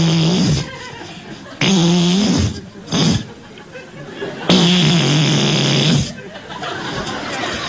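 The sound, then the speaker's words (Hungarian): A voice imitates a big beetle flying into a home, making a buzzing, droning hum in long, wavering bursts with short breaks between them, fairly loud and nasal. “És hát ő az, aki így repül be.”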